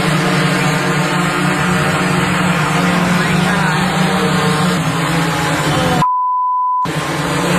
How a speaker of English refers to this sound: That bleep was her package being dropped in her pool. Yeah, oh, no. Immediately dropped in her pool.